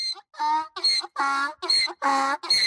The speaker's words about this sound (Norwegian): Ja, det var et esel som kom mot dem, og ja, det var tydeligvis truende nok til at det søte, skjønne, folkeelska esle Hi-Ha ble altså skutt og drept.